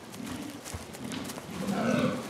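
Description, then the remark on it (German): Hoarse, low rutting calls of fallow deer stags at a rutting ground in mating season, a few groaning bellows in succession made to impress females, moderately loud, with outdoor background noise and no talking. “Mit rauen Rufen versuchen sie, Weibchen zu beeindrucken.”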